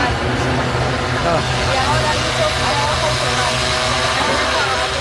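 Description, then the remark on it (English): Little yellow food delivery drones carrying fast food whir overhead in a city in China with a steady, wavering buzz, blended into a constant wash of traffic rumble and indistinct voices that never lets up across the few seconds. “So you have these little yellow drones carrying around people's fast food.”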